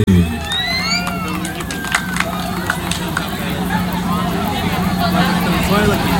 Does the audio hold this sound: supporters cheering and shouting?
yes